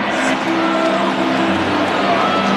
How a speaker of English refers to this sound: The cheer you just heard was from the Cardinals fans here at American Family Field.